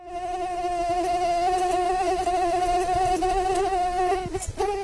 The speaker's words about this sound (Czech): Bz, bz, bz. 3, 2, 1, komár.